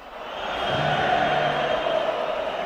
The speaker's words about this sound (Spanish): gritos de estamos hasta ahí, de sobre todo la curva norte sobre Mestalla